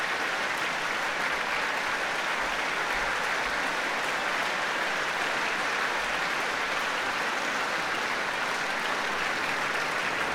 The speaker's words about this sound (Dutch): Alle strijkers mogen gaan staan van Lavsani om dit applaus in ontvangst te nemen. Hier in Rotterdam.